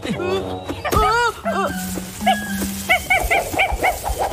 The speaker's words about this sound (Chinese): 这谁家的小狗啊，长得真可爱呀。哎呦，小家伙，你在工作，不能跟你玩。